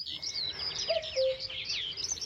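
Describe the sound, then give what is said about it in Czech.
A single two-note call of a common cuckoo, soft, rises out of a busy chorus of high chirping birdsong that carries on throughout. “Když byl hezký slunečný den, v lese byl příjemný chládek a všechno vonělo, často jsme slýchávali kukat kukačku.”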